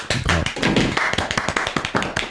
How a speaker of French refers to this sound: Et ça, ça s'applaudit.